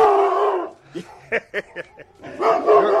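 A dog lets out a quick series of four or five sharp barks, framed by longer whining, howl-like cries at the start and end, moderately loud.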